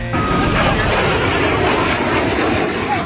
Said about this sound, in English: The U.S. Navy Blue Angels are launching a safety review after one of their jets buzzed a little too low over beachgoers in Florida this week.